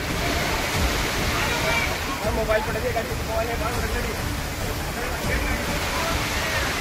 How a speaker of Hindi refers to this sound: सड़कों पर पानी सैलाब की तरह बहता नजर आया और इसकी चपेट में कई बाइक सवार आ गए।